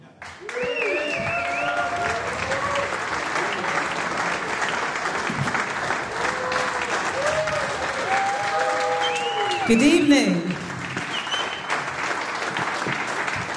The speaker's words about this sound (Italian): Bello, grandi applausi del pubblico per il concerto di … il 7 marzo 2024 al Festival di Cultura e Musica Jazz di Chiasso.